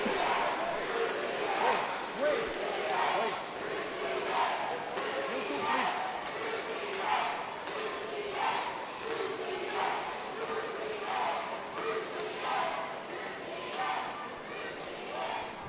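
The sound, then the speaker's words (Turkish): A large arena crowd in Osaka, including some Japanese spectators, chants "Türkiye" in loud, rhythmic bursts that repeat steadily, with a dense roar of voices filling the space between chants throughout. “Evet, Osaka'da seyircilerimiz Türkiye tezahüratları yapıyor. Hatta görebildiğim kadarıyla bazı Japon seyirciler de Türkiye diye bağırıyorlar.”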